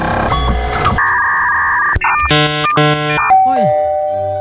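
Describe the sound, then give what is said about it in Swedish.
An electronic doorbell chime rings out in bright, steady ding-dong tones after a burst of noise, followed by a short falling tone and a sustained note; other sounds play alongside. “Hörde ni pingplong på slutet också? En dörrklocka.”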